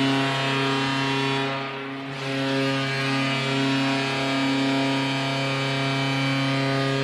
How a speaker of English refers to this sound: It's wide. And the horn sounds. And the foghorn goes off in Philadelphia.